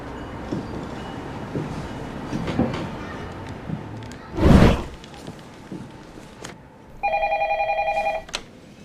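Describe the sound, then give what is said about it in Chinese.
A phone ring tone on an outgoing call, placed by kidnappers to a kidnapped boy's father, sounds once, a bright warbling burst lasting just over a second, following scattered rustles, clicks and a brief whooshing rush of noise. “来吧，小疯子，给你的爹地打个电话。”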